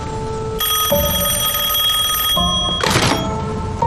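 A telephone bell rings loudly in one sustained, shrill metallic ring of about two seconds, then a brief clattering burst follows, with no one speaking.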